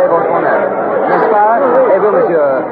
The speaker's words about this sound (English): I'm standing approximately dead center of the Place de la Bastille, right in the very heart of this massive mob of people.